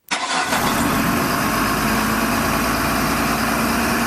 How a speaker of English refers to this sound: And I don't know if the trucks were starting up this morning, but they usually are around. Yes, there's an awful lot of work happening at the moment with every power lines and whatever.